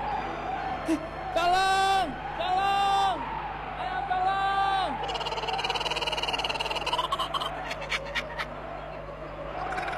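A man screams for help in three loud, drawn-out cries as a giant snake attacks him at night on open grassy ground, followed by a steady hum of night insects and scattered rustling in the background.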